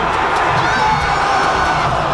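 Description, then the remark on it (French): A large crowd of Canadian men's national soccer team fans, gathered at the Canada Soccer house at Harbourfront Centre by the lake in Toronto, lets out a loud, steady, disappointed roar of many voices, unbroken throughout, with scattered shouts rising above the mass. “Voilà, Nicolas, on entend la foule déçue rassemblée à la maison de Canada Soccer au centre Harbourfront.”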